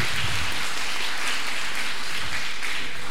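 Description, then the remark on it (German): An audience applauds a music duo on stage at a live radio broadcast event, with dense overlapping hand claps forming a continuous, bright, crackling wash of sound at fairly even loudness throughout. “Und da dürft ihr wirklich richtig klatschen, dass man das auch hört, die Radiozuhörerinnen und Hörer zu Hause in der ganzen Welt.”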